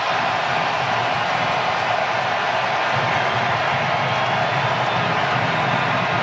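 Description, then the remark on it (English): A big World Cup stadium crowd roars in a loud, sustained wave of cheering after a U.S. free kick goal by Tillman past goalkeeper Thibaut Courtois, filling the space for several seconds without letting up, with no clear voices standing out. “Listen to the crowd come to life here.”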